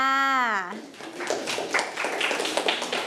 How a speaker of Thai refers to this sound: เก่งมากค่ะเด็กๆปรบมือให้เพื่อนค่ะ